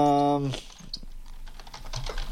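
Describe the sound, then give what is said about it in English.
Rapid, irregular clicking of keys on a computer keyboard, fairly soft, following a brief voiced hum at the very start. “You can hear me plucking away at the keyboard here.”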